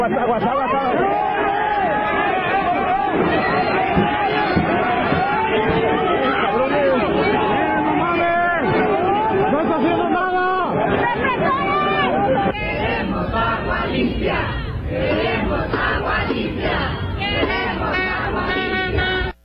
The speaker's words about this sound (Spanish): Sí, escuchamos bien, Una protesta que ocurre en Guadalajara y zona metropolitana. La gente fue a gritar por agua limpia, y es que hay que recordar que llevan todo el año con agua sucia, con agua con larvas, con gusanos, maloliente.